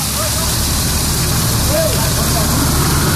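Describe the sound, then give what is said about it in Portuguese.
Water gushes from a burst pipe leaking in the street in front of number 300 on Rua Atos Tomás Ferrátil, Capão Redondo, spraying high into the air in a loud, steady rushing roar that never lets up, with faint voices barely audible in the background. “Mas, gente, é muita água que está jorrando, formando aquela super ducha assim para o alto, jogando água para o alto.”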